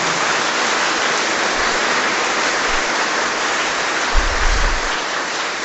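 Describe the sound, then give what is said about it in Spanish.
Steady, dense crowd applause for the Virgen del Carmen at a religious celebration blessing work vehicles, filling the whole stretch, a continuous wash of many hands clapping at an even loudness with no voices standing out. “Démosle un fuerte aplauso a la Virgen del Carmen.”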